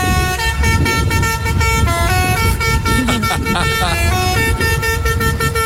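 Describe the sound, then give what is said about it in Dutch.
A volunteer fire brigade's fire truck's special musical horn blares a bouncy children's tune, its loud, brassy notes stepping up and down in a steady rhythm over a constant low engine rumble. “omdat ze een speciale klakson van hun brandweerwagen niet mochten gebruiken.”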